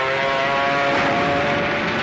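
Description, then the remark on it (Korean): A steady, droning engine roar with a faint tonal hum holds at an even, fairly loud level throughout, like dozens of Kuomintang (Nationalist) air force enemy planes flying overhead in clear weather, with no voices present. “아침부터 저녁까지 적기 수십 대가 날아다녔다.”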